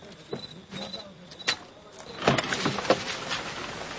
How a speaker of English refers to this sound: The truck is moving. They're moving.